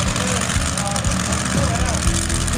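A loud, steady tractor engine rumbles, a deep continuous drone, with a faint rising whine partway through and no pauses; tractors pulling brake sleds at a tractor-pulling event on a field in Hemmendorf.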